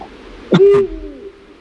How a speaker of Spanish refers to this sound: Estamos escuchando un búho real.